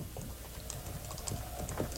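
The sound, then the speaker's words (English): Horses' hooves clatter in a steady stream of quick, overlapping clip-clops, holding an even, moderate loudness throughout with no voices. “What is it? Horses.”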